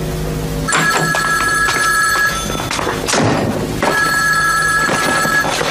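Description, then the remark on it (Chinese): A telephone rings in two loud, steady bursts of bright electronic tone, each lasting over a second with a short pause between them. There is no talking. “来了来了。喂”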